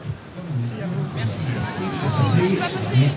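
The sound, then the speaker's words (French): A dense murmur of many voices from a large outdoor crowd waiting for the pope, steady and overlapping, with no single speaker standing out, swelling slightly toward the end. “également avec la foule.”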